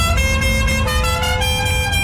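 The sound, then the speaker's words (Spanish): Several car horns blare at once over a steady low traffic rumble, overlapping and sustained with a few short bursts, loud, with no one talking. “¿Estás en el tráfico?”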